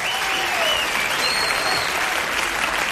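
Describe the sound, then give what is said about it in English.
A Christmas crowd applauds steadily, a dense wash of clapping at a constant loud level for the whole stretch, with a few faint whistles rising over it and no voices speaking. “Christmas crowd.”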